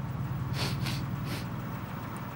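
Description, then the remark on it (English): A car engine idles with a steady, low rumble throughout, left running to warm up in the open air, and three short breathy hisses briefly rise over it near the start. “I'm getting it warmed up. Yes, I can hear it.”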